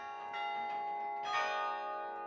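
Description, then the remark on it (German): Carillon bells ring out over a city centre in overlapping tones, sustained metallic chimes layering into a shimmering wash with a couple of brighter strikes standing out, played through a mechanism of iron or wire running up to the bells. No one speaks. “der Orgel, weil man muss hier eine ganze Mechanik aus Eisen oder Draht in Gang setzen, die dann bis da oben hingeht.”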